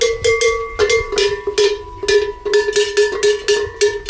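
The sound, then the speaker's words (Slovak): A large cattle bell, the big kind hung on cows, clanks repeatedly in an uneven, swinging rhythm, each strike ringing with a bright metallic tone and a steady mid-pitched hum beneath. It is fairly loud, with no voices. “Takže teper čujeme veľké zvonci.”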